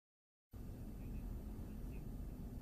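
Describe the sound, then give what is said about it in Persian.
A steady, heavy rumble of aircraft engines cuts in abruptly after a brief silence and holds constant, with a dense low-end roar and broad hiss on top and no voices. It is the Wing of Zion, the Israeli prime minister's aircraft, at Nevatim Air Base before a flight to America. “قبل از سوار شدن به هواپیمای بال صهیون، هواپیمای مخصوص نخست وزیر اسرائیل و پرواز از پایگاه هوایی نواتیم به سمت آمریکا.”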